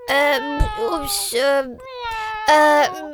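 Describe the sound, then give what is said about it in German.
A cat meows several times in a row, drawn-out, whiny calls with rising and falling pitch, fairly loud, with short gaps between them. “Ist zufällig die Katze in deiner Liederkiste eingesperrt?”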